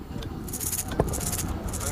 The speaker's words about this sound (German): Das sind ja tatsächlich kleine Musikinstrumente, ne? Und innen drin sind dann so kleine Stücke, die irgendwie halt dann da hin und her gegen die Wände stoßen und dann machen die diese Geräusche, ne? Ja. Genau, diese Rassel.